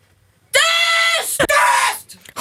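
Two loud, high-pitched screams follow one after another, the first sustained for nearly a second, the second after a brief sharp break, with a short burst of sound at the end.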